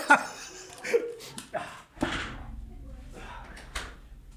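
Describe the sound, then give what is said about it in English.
Rustling and shuffling build up to a single solid thud about halfway through, the sound of a door being pushed shut in a room with radio DJs during a show, followed by quieter movement and faint room noise. “I got to tell people that I got to close the door.”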